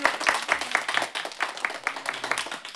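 A small group applauds to welcome a new band member who plays saxophone. The clapping is fairly steady and rhythmic at a moderate level, the sharp claps repeating evenly throughout without any talking over them.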